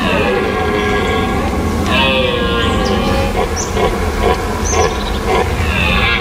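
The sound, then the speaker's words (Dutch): Red deer stags in the Netherlands bellow during the rut, the males' mating call to the females: drawn-out, harmonic roars that rise and fall, loud, overlapping one another over a rough background rumble. “En elk jaar zijn ze in deze periode van het jaar weer te horen. Burlende herten.”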